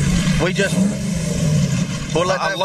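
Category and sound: vehicle, car engines revving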